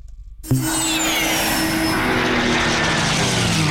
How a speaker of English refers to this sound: Feel the roar at the Barrington Coast Air Show. Saturday, November 7 at Tari Airport. See classic jets, legendary warbirds, including the Mustang and Spitfire, plus breathtaking aerobatics from some of Australia's best pilots.